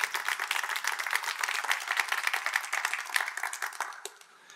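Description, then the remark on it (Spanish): An audience applauds Jesus together, a dense, steady patter of many hands clapping at a fairly loud level that fades out near the end. No one speaks over it. “Ah, si tú lo crees, le puedes dar un aplauso a Jesús.”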